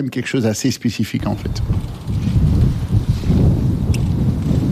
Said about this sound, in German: Der Wind bläst heftig auf dem früheren Formel-1-Rennkurs bei Zolder, da 45 Kilometer westlich von Maastricht entfernt liegt.